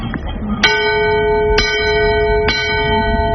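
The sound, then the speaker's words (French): A ship's bell rings three times at a steady pace, the signal for danger straight ahead of the boat. Each clear metallic strike rings on with a sustained, shimmering tone that overlaps the next, heard over a low background rumble. “Et si le danger vient de droit devant, c'est trois coups de cloche.”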